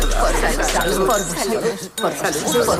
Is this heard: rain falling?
no